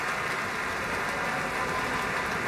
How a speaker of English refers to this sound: More applause for Gabriela Montero, Alexander Shelley, and the Pacific Symphony.